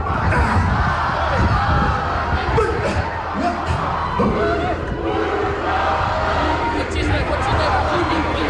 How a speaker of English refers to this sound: There was a beautiful, you know, haka when the team bus arrived as well. Is that a cue? Is that a cue for me to play the haka? Yeah, okay. Listen to the crowd.